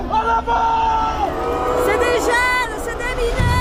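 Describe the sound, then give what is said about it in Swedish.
A loud crowd of protesters fills the street with chanting, shouting and whooping voices, a dense, continuous roar of many people with rising calls standing out above the babble. “Samtidigt växer protesterna på gatorna.”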